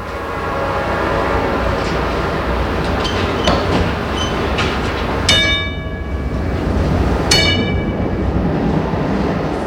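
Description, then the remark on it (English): A Pittsburgh streetcar rumbles along with a steady, loud roar, and the conductor's bright bell clangs twice, a couple of seconds apart, ringing out over the running noise. No one speaks. “Ask the conductor if he can ring his bell a few extra times for you.”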